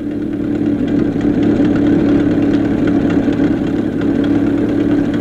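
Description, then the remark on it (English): A car engine chugs along steadily while driving over the desert, a loud and continuous low rumble with a constant drone and faint mechanical vibration throughout, with no voices. “Let's join Adam and Skinny as they chug along over the desert.”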